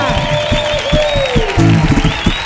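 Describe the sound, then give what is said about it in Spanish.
A large audience in the Auditorio Cartuja bursts into loud, sustained applause for four carnival performers from Cádiz, dense clapping while cheers and a high, drawn-out whoop rise above it. “Por favor, ovación enorme en el Auditorio Cartuja para estos cuatro, señores.”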